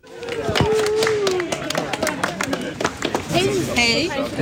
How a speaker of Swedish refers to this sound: Ja, det blev ju applåder och handskakningar här när Elisabeth Thand Ringqvist kom gående längs med gatan här vid Stora torget mitt i Falun.